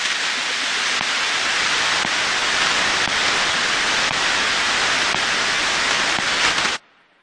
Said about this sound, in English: To everyone and everything other than the computers receiving the instructions, data sounds like nothing. Maybe some static, just blips between computers.